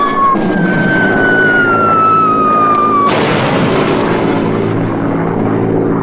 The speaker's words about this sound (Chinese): 就看不见咱们的飞机了。